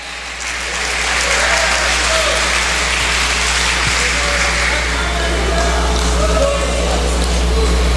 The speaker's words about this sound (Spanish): Dale palmas a Él.